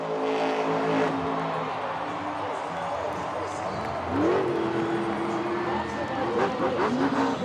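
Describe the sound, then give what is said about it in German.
A car engine revs loudly, its pitch sweeping up and holding as the car, called the 'Dalmatiner' (Dalmatian), spins a donut at the end of a show of nearly 2.5 hours, with a noisy crowd murmuring and cheering throughout in the background. “Zum Schluss, nach fast 2,5 Stunden Spektakel, präsentiert Candice in ihrem Dalmatiner einen sogenannten Donut.”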